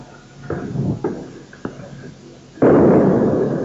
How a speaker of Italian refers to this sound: Ecco le bombe, avete sentito l'esplosione? Scappano tutti.